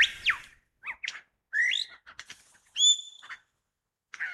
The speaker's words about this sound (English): There, one of the many melodious liquid song phrases of the pied butcher bird. Black and white, resembles a jay. There it is again.